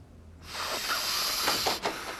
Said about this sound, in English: There were times when I had no money for drugs. I'd get so hard up, I'd sniff chemicals I found around the house.